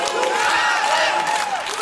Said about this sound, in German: Da hinten, das ist Thüringen. Ich glaube, hier sind die Gäste aus Sachsen, die Spezialgäste, die gerade brüllen.